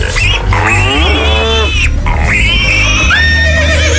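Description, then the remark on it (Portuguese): A piglet squeals loudly and continuously in high, wavering shrieks that rise and fall, with a low steady rumble underneath. “O leitãozinho.”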